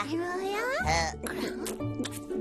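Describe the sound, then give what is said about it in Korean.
A baby's high-pitched wail rises sharply, then breaks into shorter fussy sobs and whimpers, loud throughout the brief moment. “내가 그렇게 놀아줬는데 또 울어.”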